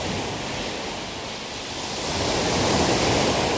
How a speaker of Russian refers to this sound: Но во время плохой погоды, когда на море очень сильный ветер, шторм, прибрежные волны могут достигать высоты многоэтажного дома.